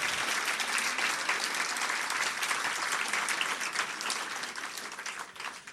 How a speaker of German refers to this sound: Nochmal Applaus für den Slammer, nicht für die Punkte.